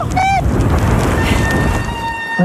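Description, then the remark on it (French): Brakes squeal during a steep descent toward la Benâtre: a short, harmonic-rich screech at the start, then a thin, steady high-pitched whine that holds to the end over constant rushing wind noise. “Ah, le joli son des freins.”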